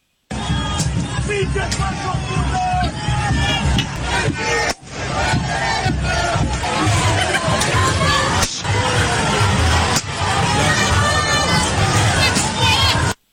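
A loud, agitated crowd shouts and yells throughout while sharp sledgehammer blows and crashes of breaking glass cut through at irregular moments, as vandals loot businesses.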